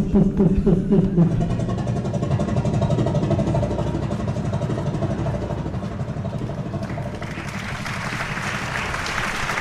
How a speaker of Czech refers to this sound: jsem sešteloval to magneto a zkusíme to znovu. Pánové, připravte se! Motor! Start!